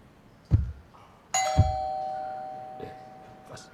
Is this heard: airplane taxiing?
no